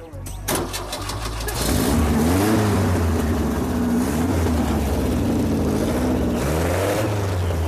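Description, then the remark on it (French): A new engine cranks and catches near the start, then revs up and down in several rising and falling surges, loud, settling into a steady rumble with more revving near the end. “réussi à convaincre Lee d'installer lui-même le nouveau moteur”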